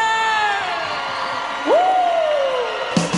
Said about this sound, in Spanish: A salva de palmas pra você!